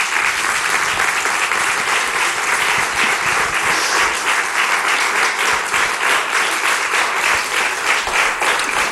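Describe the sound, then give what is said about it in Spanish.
Steady, sustained applause from an audience fills the whole stretch, a dense wash of many hands clapping at an even loudness without pause and with no voices above it. “Un aplauso, por favor.”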